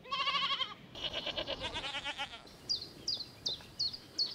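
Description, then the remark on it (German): Goats bleat: one nasal cry, then a longer quavering bleat. Quick high chirps follow, repeating several times. “Du bist so ein bisschen wie bei Heidi, der Ziegenpeter, ne?”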